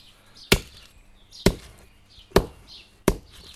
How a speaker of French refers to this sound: Ah, je casse les huîtres, là. Alors c'est bien de les laisser au soleil, de les laisser à la pluie. Elles sont plus faciles, elles sont plus friables.